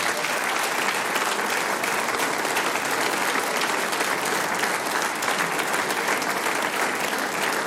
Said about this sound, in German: Und jetzt kriegst du einen großen Applaus.